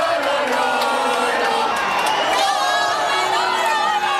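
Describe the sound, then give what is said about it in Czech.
A dense crowd of football fans in Madrid roars and cheers continuously, chanting the names of Spanish footballers, many voices blending into a loud, sustained wash of shouting and chanting, with scattered whoops rising above the din. “Fanoušci skandovali jména španělských fotbalistů a posilňovali svou víru ve vítězství pivem, červeným vínem s citronádou a společnými pokřiky a popěvky.”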